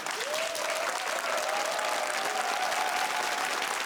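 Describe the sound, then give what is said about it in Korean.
Sustained applause from a studio audience welcoming pansori singer Nam Sang-il to teach traditional Korean rhythms, a dense steady wash of clapping that fills the whole stretch at even loudness, with a faint voice or tone drifting underneath. “여러분 박수로 청해 주시죠.”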